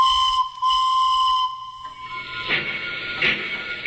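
A steady, piercing train whistle holds one tone for over a second, then cuts out, followed by rushing bursts of steam hiss with no voices.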